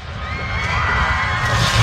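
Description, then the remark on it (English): A large cottonwood tree, called the grandmother tree, being cut down at the U.S. border for border wall construction: a loud, continuous mechanical roar with a whining engine tone over deep rumbling, holding steady for about two seconds with no voices. “That was the sound of the grandmother tree being cut down.”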